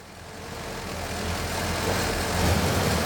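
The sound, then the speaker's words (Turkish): A car engine, just started after carburetor cleaner was sprayed, idles with a steady, low, throbbing rumble, swelling gradually louder over a few seconds as someone in the car gives it gas. No one speaks. “Gazı ben veriyorum. Bu iyi bir şey. En azından çalışıyor.”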